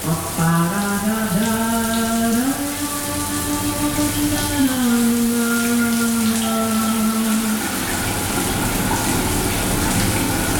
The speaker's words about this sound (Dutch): Het douchegordijn dat zal gaan sluiten voor de opgave van deze vrijdagochtend. En dan gaat de kraan stromen en dan moeten we even goed luisteren.